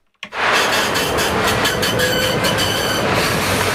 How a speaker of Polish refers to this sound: Co to był za tramwaj, co odjechał? To był Soul Tram.